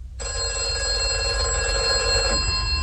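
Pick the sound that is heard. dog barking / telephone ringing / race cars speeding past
telephone ringing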